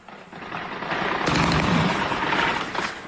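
Russian air defence guns in Crimea fire at Ukrainian drones in a dense, sustained burst, a loud rolling clatter of shots and booms that swells after a brief quieter start and carries on without pause, with no voices.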